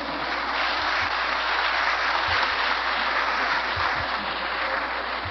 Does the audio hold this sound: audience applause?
yes